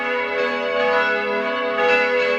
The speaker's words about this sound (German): In gut 10 Minuten ist es 12 Uhr, dann hören Sie hier bei uns in Radio Salzburg wieder die Mittagsglocken.